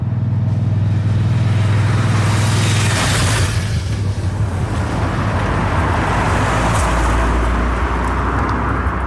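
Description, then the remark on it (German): A loud vehicle engine rumbles and roars past, with a strong low drone and a rushing sweep around three seconds, then continues as steady road traffic noise: motorcycles and cars speeding past on a narrow road directly in front of a restaurant at Schönmatt, about one every minute. “Eine schmale Strasse geht direkt vor dem Restaurant durch, Töff und Autos sausen vorbei im Minutentakt.”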